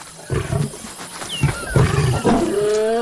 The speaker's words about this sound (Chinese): 安斯听到了宣战的狮吼声，他引发了一场冲突，这场冲突可能会给他原本的狮群带来严重的后果。